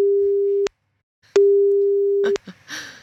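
A steady, mid-pitched telephone ringback tone of an outgoing call sounds twice, each burst about a second long with a short silence between, followed by a brief bit of voice as the line picks up.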